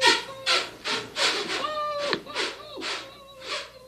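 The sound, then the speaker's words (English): A dog, Skip, scratches at a wooden door in a steady series of about eight rasping strokes, with a brief high whine rising through the middle of the scratching. “Mom, do you hear that? Sounds like Skip scratching at the door.”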